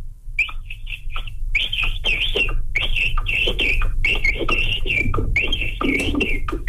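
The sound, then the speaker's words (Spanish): A person whistles an imitation of a capybara call: rapid, high-pitched chirping bursts in uneven groups with breathy, sputtering breaks, over a steady low rumble. No one speaks. “Como que se le va el aire al capibara.”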